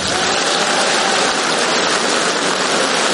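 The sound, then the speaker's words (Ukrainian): An audience at a concert applauds loudly and steadily to greet Olympic gymnastics champion Lilia Podkopayeva, a dense wash of clapping that holds at an even level for about three seconds with no voices over it. “Ваші оплески – олімпійська чемпіонка з гімнастики Ліля Подкопаєва.”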